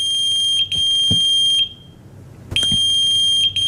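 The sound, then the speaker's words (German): A loud, shrill electronic pager beeping, sounding in two long sustained bursts with a short pause between them and brief flickers within each burst. No one speaks. “Das ist ein Pager.”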